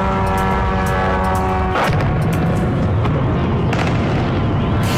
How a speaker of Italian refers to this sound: Decine di droni sull'area portuale della città di Putin con esplosioni e attacchi della contraerea, colonne di fumo e fiamme nel terminal petroliferi